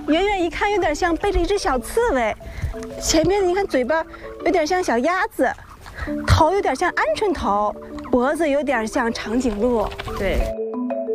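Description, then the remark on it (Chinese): A group of ostrich chicks, only one to two months old, cluck and peep, their short, wavering calls overlapping in a busy, continuous chorus for about ten seconds before falling quiet. “这些长相奇特、跑得飞快的小家伙，其实就是仅一两个月大的小鸵鸟。”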